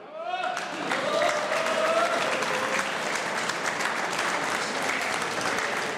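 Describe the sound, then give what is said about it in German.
An audience at a live ORF Radio Burgenland stage broadcast in Wiesen breaks into loud, sustained applause for the mayor, dense clapping that swells in the first second and holds steady, with a few voices and cheers mixed in near the start. “Herr Bürgermeister, das ist Ihr Applaus.”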